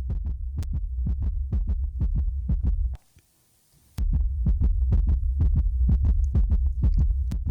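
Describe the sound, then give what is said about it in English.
A fast, pounding heartbeat sound effect thumps in steady, deep, loud pulses, cutting out for a brief silent moment midway before resuming at the same racing pace. No voices. “That's the heartbeat of those fan bases, and maybe even some of those players for the Yankees and the Padres.”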